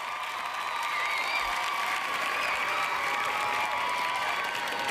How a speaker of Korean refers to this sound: 저희가 언제 이런 환호를 받아보겠습니까? 이것도 저희가 튼 겁니다. 예. 그래서 요 환호 소리를 끊고 싶지 않아서.